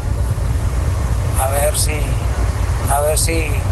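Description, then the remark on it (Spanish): Steady low rumble of a car interior while driving, loud and constant throughout, with two brief voiced snippets of talk breaking through over the road drone; the driver is holding a mobile phone. “A ver si no me multa el tránsito porque vengo aquí en el carro con el celular en la mano.”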